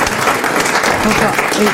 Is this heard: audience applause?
yes